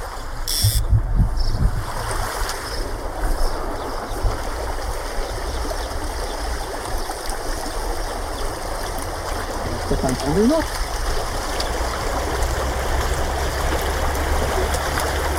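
Steady, continuous rushing of a trout stream where someone is fishing fills the whole recording at an even, fairly loud level, with a few brief low knocks and handling noises near the start.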